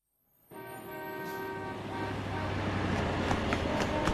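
Busy roadside ambience at a long-distance bus station: a steady rumble of traffic with a long, droning vehicle horn sounding throughout and a few sharp clicks near the end.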